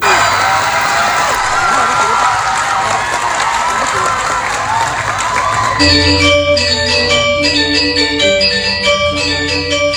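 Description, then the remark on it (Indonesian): A crowd of spectators at the Bali Arts Festival (Pesta Kesenian Bali) at Taman Budaya, Denpasar, claps loudly and steadily for an Utsawa Mebarung Angklung Kebiar performance in a dense, crackling wash of applause for about six seconds. Then bright, ringing metallic percussion music with repeating tones takes over. “Riuh tepuk tangan penonton menjadi bukti Utsawa Mebarung Angklung Kebiar sukses menghibur penonton Pesta Kesenian Bali.”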